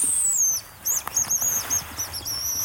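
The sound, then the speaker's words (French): Hazel grouse song in autumn: very high, thin whistles, a long sliding note followed by a string of short, piercing notes, heard alone over faint background noise. “on va se diriger sur un autre endroit pour voir un oiseau que vous affectionnez énormément. La gélinotte des bois.”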